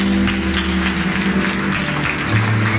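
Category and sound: crowd, round of applause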